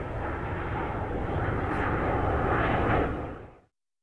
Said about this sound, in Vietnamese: F-105D, loại máy bay tối tân nhất lúc bấy giờ, có tốc độ gấp 2 lần tốc độ âm thanh và đặc biệt có tiếng gầm rú như sấm rền trên bầu trời. F-105D còn được mệnh danh là thần sấm của không quân Mỹ, chính là dựa vào tiếng gầm rít khủng khiếp của nó.